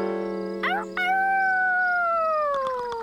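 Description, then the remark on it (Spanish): A loud female werewolf howl rings out alone, a long tonal wail that wavers briefly, then holds and slowly slides downward for about three seconds. “¿Esa es la... la mujer lobo?”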